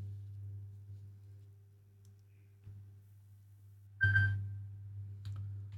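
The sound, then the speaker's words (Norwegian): A telephone rings once in a short, bright electronic burst, rising out of a steady low hum that runs throughout; no one speaks. “Det ringer, det ringer.”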